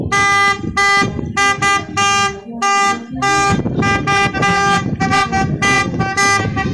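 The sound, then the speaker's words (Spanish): Several car horns honk loudly in repeated, overlapping blasts, some short and some held, with a low rumble of traffic underneath and no talking, as cars bid farewell to a truck carrying the coffins of two teachers leaving their school for Coracora. “con un voto de aplausos permanente, la despedida, por favor, y le invitamos también por favor a los carros que toquen su plato.”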